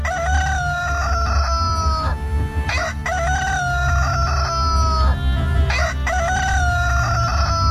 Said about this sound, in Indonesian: berkokoklah ayam jantan silo.